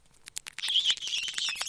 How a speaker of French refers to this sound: Aujourd'hui, on va interroger une gerbille pour voir ce qu'elle en pense. Qu'est-ce que ça fait d'être petit?